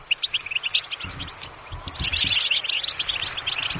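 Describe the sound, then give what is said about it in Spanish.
A bright, rapid goldfinch song of twittering chirps and liquid trills, continuous and busy throughout, growing fuller and louder in the second half over a faint low hum. “¿Así que has dicho qué es? Un jilguero. Un jilguero, muy bien, has acertado.”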